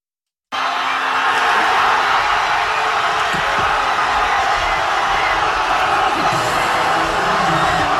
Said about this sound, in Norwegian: Spania vant fotball-VM I natt. Finalen mot Argentina ble avgjort ved ekstraomganger og endte 1-0. I hovedstaden Madrid var det vill jubel I gatene da kampen var over.